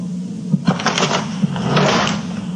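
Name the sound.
dresser drawer being shut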